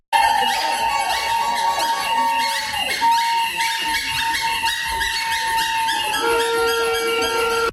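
A loud, dense din of angry protesters shouting in a meeting hall over the Centre Bell project after the elected officials left the hall, continuous throughout, with shrill whistle-like tones piercing the crowd noise.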